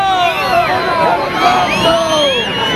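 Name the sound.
crowd booing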